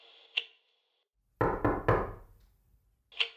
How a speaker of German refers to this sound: spiel doch mal so ein Klopfen ein, bitte. Ein Klopfen, ja.